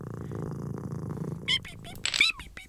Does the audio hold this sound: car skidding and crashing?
no